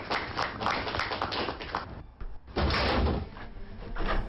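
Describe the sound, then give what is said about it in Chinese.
A man suddenly yanks open his front door from inside to hurry downstairs carrying his wife: a run of sharp clicks and latch rattles, a brief lull, then a loud burst of movement as it swings and bangs. “刚要敲门，穆国柱突然打开门，背着妻子匆忙下楼”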